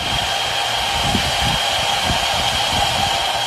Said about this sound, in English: The K-12 school holds classes outside and say the noise is around 70 to 75 decibels, somewhere between a washing machine and a blender. Here's what the mine sounds like.